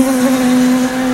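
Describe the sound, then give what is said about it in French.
A steady drone of wasps from the neighbourhood buzzing as they swarm in on a meal, one continuous loud hum with a slightly rough edge that holds without a break. No one speaks. “Et là, t'as toutes les guêpes du quartier qui déboulent.”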